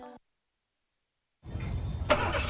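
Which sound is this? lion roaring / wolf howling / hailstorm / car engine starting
car engine starting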